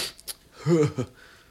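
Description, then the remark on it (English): A single sudden sneeze by a radio host on air: a couple of sharp breathy intakes, then a strong voiced burst and a brief trailing gasp, over a quiet background. “Whew, I just had a sneeze sneak up on me out of nowhere.”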